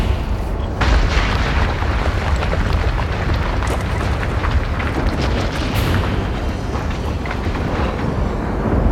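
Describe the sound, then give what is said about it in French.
A continuous, thunderous roar of the eruption of Montagne Pelée above Saint-Pierre on 8 May 1902, deep and rumbling with dense low-frequency energy, crackling bursts and sharp blasts scattered throughout at a steady loud level. “Une éruption volcanique, c'est ce moment où un petit morceau du centre du monde jaillit à la surface dans un immense fracas.”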